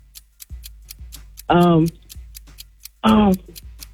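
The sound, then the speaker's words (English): A game show countdown clock ticks steadily, about two ticks per second, crisp, while two loud, buzzy harmonic bursts break in partway through and near the end. “All right, start the clock.”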